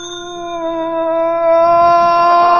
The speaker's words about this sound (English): Okay, ring the bell